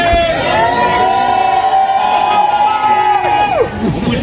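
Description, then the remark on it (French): A loud crowd at the Arc de Triomphe in Paris cheers and shouts without pause as Céline Dion arrives by car, with many overlapping high-pitched screams and calls rising and falling above a dense wash of voices. “Dans le public, les premiers cris...”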